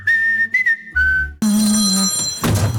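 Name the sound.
phone ringtone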